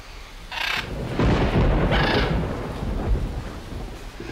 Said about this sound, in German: So große Angst vor Gewittern?